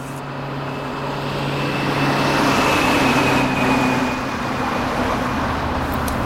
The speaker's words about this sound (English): Why do they keep feeding street noises into the sound system? We haven't had street traffic in 3 generations.